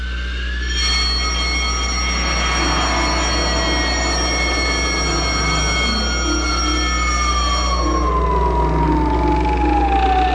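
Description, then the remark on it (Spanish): A loud general alarm siren sounding throughout a base, set off by the captain pressing a button, blares continuously, layered steady tones over a deep low hum, with one tone sliding slowly downward near the end; no one speaks. “El capitán oprimió un botón y una serie de foquillos rojos anunciaron alarma general y automáticamente funcionaron las alarmas en toda la base.”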